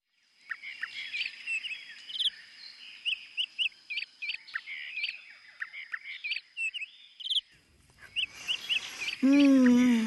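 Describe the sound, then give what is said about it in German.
A busy chorus of many colourful birds chirping and tweeting in quick overlapping bursts by the sea, with a thin steady high tone underneath and a louder, wavering squawk-like call near the end. “Ist das schön hier, so viele bunte Vögel, duftende Blüten und das Meer.”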